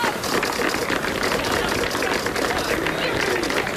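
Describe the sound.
A Zaragoza football squad applauds together at the end of a talk between the coach and his players, dense overlapping claps forming a steady, even wash of sound for the full few seconds, with a faint murmur of voices mixed underneath.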